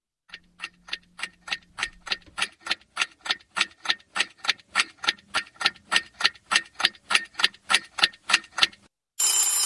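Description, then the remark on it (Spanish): An alarm clock rings with a rapid, steady train of bright metallic strikes, about twenty in a row, loud and regular, then cuts off into a brief burst of hiss. “El despertador es uno.”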